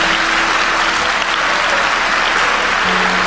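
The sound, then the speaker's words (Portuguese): An audience applauds steadily for God during a church sermon, a dense, loud wash of many hands clapping that holds evenly throughout, with a faint sustained low tone underneath and no talking. “Ele merece uma salva de palmas.”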